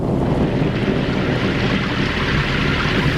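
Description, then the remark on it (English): A dense, unbroken roar of pounding hail with a deep rumble of thunder underneath, a hailstorm over the land of Egypt destroying crops and trees, holding at a steady, loud level throughout with no voices. “And Meanwhile, this hailstorm is destroying every crop, every tree, everything that grows in the”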